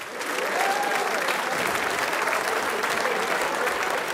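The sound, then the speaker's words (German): An audience applauds a singing group, a dense, steady wash of clapping that holds at an even loudness for about four seconds, with a few cheers or calls faintly mixed in. “Applaus für die ….”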